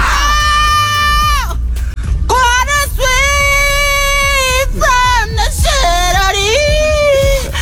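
A man lets out a loud, strained scream that slides into belted singing, with long sustained high notes broken by short breaths, close and forceful throughout.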